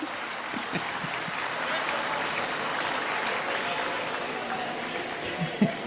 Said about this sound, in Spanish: aplaudan todos juntos si tienen ganas de aplaudir. El aplauso es gratis, ¿eh?